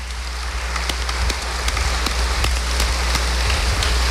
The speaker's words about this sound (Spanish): Les damos un fuerte aplauso a nuestros hermanos ministros.